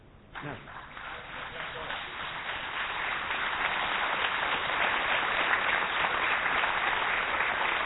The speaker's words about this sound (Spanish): Un fuerte aplauso para Alejandro Dolina.